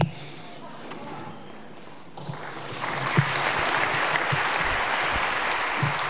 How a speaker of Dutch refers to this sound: Applaus voor dichter Benno Barnard op de Nacht van de Poëzie op 29 september 2018 in Tivoli-Vredenburg.